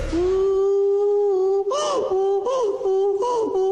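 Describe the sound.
A person imitates a donkey's bray in a voice note sent in as a pet impersonation to a radio show: a long, steady nasal wail gives way to three rhythmic, breathy hee-haw pulses, loud and alone with no other talk.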